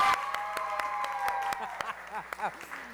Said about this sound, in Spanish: Con los chicos de la Daxi. Otro aplauso, chicos.